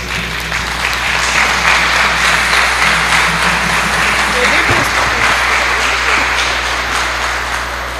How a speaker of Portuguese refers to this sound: Nossa sincera gratidão por estes 7 anos de amor, serviço e cuidado com nossa paróquia. Com carinho de todos os nossos paroquianos e da pastoral da acolhida, uma salva de palmas para o nosso pároco.